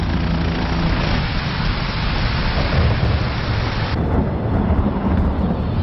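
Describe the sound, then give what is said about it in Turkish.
A heavy thunderstorm roars steadily, with dense rain hiss and deep rumbling thunder filling the whole stretch, loud with no break or voices. “Yarın fırtına bitince ineceğiz.”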